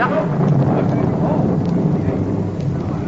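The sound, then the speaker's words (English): Steady warm rain pours down with a dense, hissing wash, joined by low rumbling like thunder, loud and continuous throughout. “Rain! Oh, thank heaven.”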